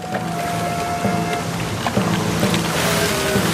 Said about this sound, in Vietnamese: Sóng biển bắt đầu lên cao rồi.